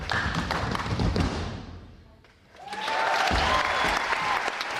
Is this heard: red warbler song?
no